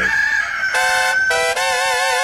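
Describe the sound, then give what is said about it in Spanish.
A loud rooster crows once, a long bright harmonic call that rises in stages and holds, stretching through the whole short stretch with no talking, played on the radio station 100.1 FM. “Apachurrele mi gallo.”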